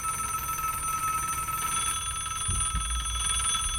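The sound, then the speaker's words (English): A telephone for the Jerry Lewis Telethon rings continuously with a bright, steady electronic trill, fairly loud, over a low background hum with a couple of soft thumps near the end. “Wait, I'm not going to answer your phones for you, Jerry.”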